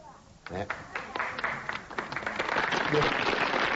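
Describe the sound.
Applause from a live audience as performers bow breaks out after a brief quiet start, swelling into dense, steady clapping that grows a little louder and fuller toward the end, with some crowd voices mixed in.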